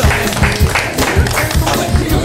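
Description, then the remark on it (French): An audience applauds a correct answer in a music quiz, in a loud, dense burst of clapping that holds steady for a couple of seconds, with a low rumble running underneath. “Encore une bonne réponse. On applaudit.”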